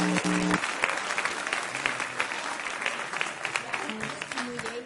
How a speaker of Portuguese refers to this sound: Vamos receber a irmã com palmas de vitória.